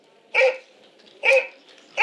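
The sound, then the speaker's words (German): Hunting dogs bark in a steady rhythm, three loud, sharp barks spaced roughly a second apart, with a quiet background between them and no voices. “Zu Bruegels Jäger im Schnee hören wir schwere Schritte und bellende Jagdhunde.”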